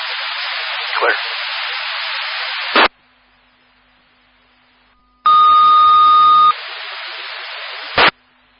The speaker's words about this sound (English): Repeating for Lawrence Fire Alarm, QRV and Deer EMS, this is your disregard tones. 52,000 block, County Road 365 West. Just going to be a lost phone, and Lawrence, stand by for another call.